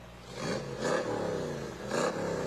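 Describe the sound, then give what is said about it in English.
The engine of Riley Bay's 1965 Cobra sports car rumbles steadily, its throaty idle swelling twice into short, loud revs before settling back down. “There's Riley Bay and his 65 Cobra.”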